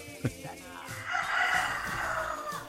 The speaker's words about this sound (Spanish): Ahí salió, sonó el gallo.